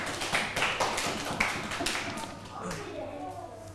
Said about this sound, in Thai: ปรบมือให้กลุ่มที่3หน่อยค่ะ